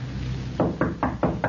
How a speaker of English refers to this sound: Okay. Knock. Go ahead, knock.